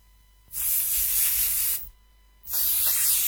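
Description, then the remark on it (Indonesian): Two long bursts of an air freshener aerosol being sprayed, each a bright, steady hiss lasting over a second with a brief pause between, loud, with no talking. “kalau mau semprot pewangi ruangan, jangan terlalu banyak.”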